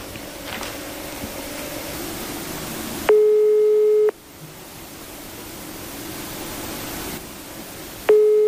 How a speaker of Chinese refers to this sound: 按照这个包装袋上黑龙江龙兴肥业有限公司的服务电话，现在是没人接听的一个状态。